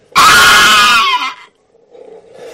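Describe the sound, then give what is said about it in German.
A bone dragon's bloodcurdling scream inside a castle: one loud, harsh shriek with a rough, roaring edge that holds for about a second, then trails off into a faint, low rumble. “Auf einmal hörten wir einen markerschütternden Schrei des Drachens.”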